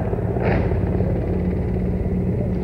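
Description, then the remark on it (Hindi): Helicopters, one an Indian Air Force Mi-17, flying overhead showering flower petals over the ramparts of the Red Fort, producing a steady, continuous low droning rumble that holds at an even, fairly loud level throughout, with no voices. “और इस समय आकाश में जो स्वर हमें सुनाई दे रहे, ध्वनि सुनाई दे रही है, वो उन हेलीकॉप्टर्स की है जो पुष्प वर्षा करते हुए लाल किले के प्राचीर के ऊपर से गुजर रहे हैं और लोगों की निगाह उसी आसमान की तरफ है।”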